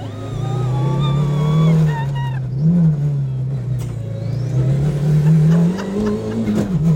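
A rally car engine roars from inside the cabin of Stig Blomqvist's rally car at Tierp Arena, driven by the 1984 world rally champion. It is loud and continuous, its low drone rising and falling in pitch as the driver revs and shifts through the whole stretch.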